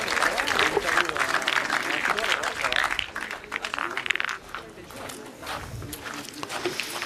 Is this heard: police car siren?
no